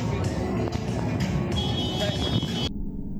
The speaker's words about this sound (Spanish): Eso que oyen es una pelea en plena zona T, en la madrugada, entretenimiento, Bogotá. El que graba es un taxista que acaba de perseguir un Tesla, una lujosa camioneta, tras un choque.